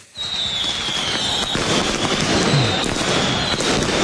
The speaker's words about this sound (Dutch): Ja, zo klonk het gisteren. Bij Cambuur Feyenoord heeft het meegekregen. Rotterdamse supporters die vuurwerk afstaken.